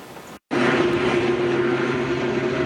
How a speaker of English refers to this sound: This helicopter hovers over a fire that stopped just steps from